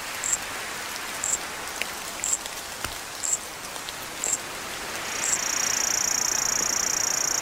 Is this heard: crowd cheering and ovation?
no